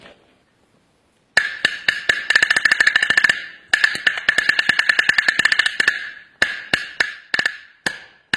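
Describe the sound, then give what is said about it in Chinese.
A small, hard Chinese single-skin drum (danpigu, a bangu) with a pigskin head on a small wooden body is struck with drumsticks in fast rolls and bursts of sharp, dry, high-pitched taps, loud and crisp, pausing briefly between flurries before ending in a few spaced strokes. “我们来听听这个单皮鼓的音色。”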